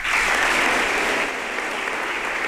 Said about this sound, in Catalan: Més aplaudiments per a l'alcaldessa de València, Maria José Català, en el seu discurs.